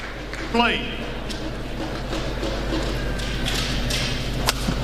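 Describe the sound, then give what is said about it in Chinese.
A badminton smash to the middle in the first singles match between Shi Yuqi and Antonsen at the 2026 Thomas Cup semi-final, China vs Denmark, in Horsens, Denmark: a sharp racket crack on the shuttlecock, followed by a few lighter taps and a shoe squeak, set against steady arena crowd noise. “杀一拍中路，上来的第一分，安东森在正手底线位的突击，这一拍球出现了失误。”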